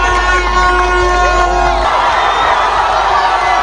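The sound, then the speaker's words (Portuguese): A huge stadium crowd roars and cheers at full volume, a dense wall of shouting voices with whistles and whoops, celebrating a goal at the World Cup match between Cape Verde and Uruguay; the loud, sustained eruption fills the whole clip. “Agora sim, um grito de gol.”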